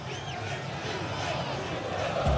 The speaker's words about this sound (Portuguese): Esse é o grito, Inter, gritam os 2.000 colorados que estão aqui na Arena Corinthians